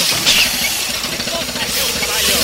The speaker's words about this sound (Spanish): El hombre arranca el coche y Alexander observa cómo el trazo se aleja.